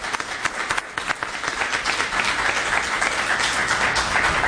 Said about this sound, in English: And I want the audience to give a special round of applause for those folks here. Thank you.